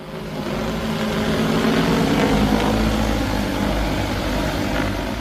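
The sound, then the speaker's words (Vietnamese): Steady, loud mechanical whirring with a low engine-like hum and broad airy noise, holding constant throughout, as the motors of a delivery drone take off on a test delivery flight in Cần Giờ, Ho Chi Minh City. No voices. “Tiếng động cơ cất cánh của một thiết bị bay không người lái vang lên tại khu vực Cần Giờ, thành phố Hồ Chí Minh.”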